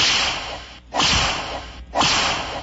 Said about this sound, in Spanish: Unos latigazos.